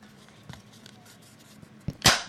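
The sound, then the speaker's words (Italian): A cracker snaps with a sharp, bright crack near the end, preceded by a smaller click a split second earlier, after a stretch of near silence with faint ticks. “Sentite questo rumore e ditemi, paradosso, cioè che un crackers, adesso non scherziamo, ma che un crackers faccia questo rumore quando si rompe, è detto tutto, è vero?”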